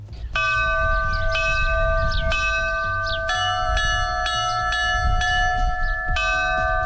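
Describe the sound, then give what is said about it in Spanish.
A church bell tolls a pattern composed by bell ringers of Navarra, Spain, to sound during an eclipse: about seven strikes roughly a second apart, each ring lingering and overlapping the next with a loud, resonant hum. No voices. “Por ejemplo, este es el tañido que va a sonar cuando se produzca el eclipse.”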